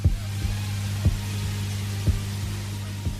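A slow, steady recorded heartbeat at the end of an album thumps in paired lub-dub beats about once a second, deep and muffled, over a constant low droning hum with no voices.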